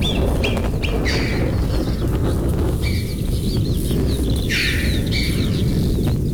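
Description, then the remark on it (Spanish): Alpine choughs give a series of high, squeaky whistled calls in the mountains, several short bursts coming and going over a steady, loud low rumble of background noise. “Pero fíjate, Francino, que los bichos, las marmotas, las chovas siguen.”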